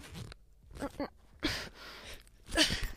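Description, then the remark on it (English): A voice imitates zipping up an outfit with raspy, hissing mouth bursts that catch and stall partway as the zipper gets stuck for a second, then finishes with one last sharp zip. “You zip your outfit, but it gets stuck for a second.”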